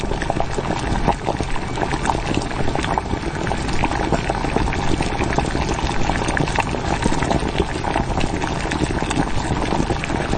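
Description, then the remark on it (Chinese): Caramel-coloured braising broth boils vigorously in a pot as a pork knuckle goes in, a dense, steady bubbling and hissing that continues unbroken for the whole stretch, with no voices. “糖色汤汁已经调好，肘子下锅”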